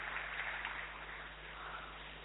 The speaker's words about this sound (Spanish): Acá lo aplauden, ¿eh? Por si no escucha.